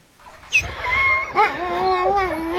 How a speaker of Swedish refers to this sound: ljusa, fluffiga hundar i Grönlands näst största stad, Sisimiut, strax norr om polcirkeln